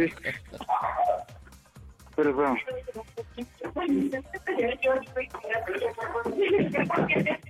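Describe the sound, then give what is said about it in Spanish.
A dog barks repeatedly in short bursts, mixed in with people talking loudly over and around the barking, during a prank phone call on the Panda Show. “Hasta el perro la está haciendo de tos.”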